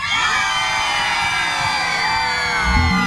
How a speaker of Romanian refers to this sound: Cine e în partea asta, țipă